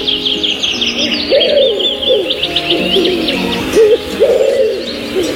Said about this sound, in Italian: altri rumori, come il cinguettio degli uccelli, sono ottimi per la concentrazione, perché aumentano la produzione di serotonina.